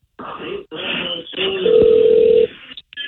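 A phone line rings on an outgoing call, a steady tone heard once through the receiver for about a second, amid faint line noise and brief background sounds.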